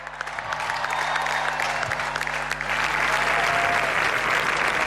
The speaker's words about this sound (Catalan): Un fort aplaudiment, sisplau, per tot aquest staff i per suposat pel nostre entrenador, Pere Romeu.